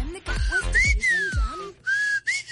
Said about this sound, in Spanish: Ah, este chiflido te referías, apenas la capié.